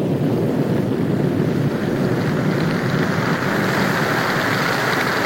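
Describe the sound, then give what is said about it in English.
Heavy rain pours down in a steady, dense hiss, loud, with a low rumbling roar underneath and no voices. “Rain at last. Refreshing, wonderful, life-giving rain.”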